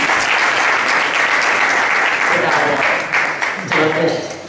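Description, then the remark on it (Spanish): An audience applauds the mayor of Leganés at the Play for Life festival, a steady, loud, dense wash of clapping that holds for several seconds, with a few voices faintly surfacing near the end as it starts to thin. “Un aplauso, por favor.”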